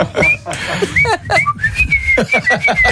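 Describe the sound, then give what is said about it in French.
A person whistles a familiar melody, with clear sustained notes in a lively rhythm over some low background clatter and murmur. “Mon père, il siffle devant notre chambre le matin. Des airs connus.”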